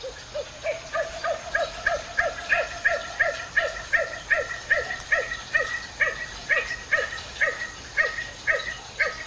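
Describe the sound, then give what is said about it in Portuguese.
A nocturnal bird, found in all Brazilian biomes, gives a long, steady series of short, bark-like calls, roughly two per second, clear over a faint hiss of night ambience, with no voices. “Já foi surpreendida ou surpreendido com esta outra voz que parece um latido?”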